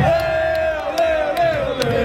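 A large crowd of soccer fans, including the Voyageurs supporters, roars and chants together on the way to BC Place for a match against Switzerland: a loud, sustained mass of voices with a steady sung pitch running through it and sharp claps or drum hits popping out every half second or so.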